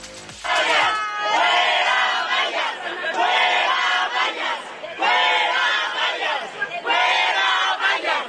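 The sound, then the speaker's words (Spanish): A loud crowd of protesting merchants shouts the chant "sí se puede" in unison while removing barriers on Motolinía street, the same short phrase repeating four times in a steady rhythm with brief pauses between each burst. “En la calle de Motolinía, los locatarios quitaron vallas al grito de sí se puede, mientras elementos de seguridad las recolocaron para finalmente dejar un acceso controlado.”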